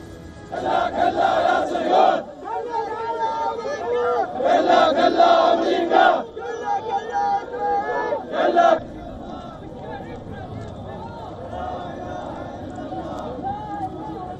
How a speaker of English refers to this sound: Earlier, Iraqi men shouted slogans chanting death to America as they carried the bodies of those killed.